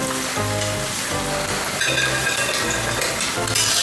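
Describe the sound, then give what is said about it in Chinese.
Crisp fried pieces of food, just lifted out after their first frying, rustle and patter as they are tossed and shaken to knock off excess starch, a continuous dry crackling that swells in bursts over a steady low tonal background. “哎，你看它听着沙沙的响声，就证明第一遍已经完成了。”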